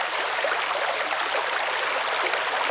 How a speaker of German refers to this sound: Der Fluss war breit und wild und glitzert in der Sonne.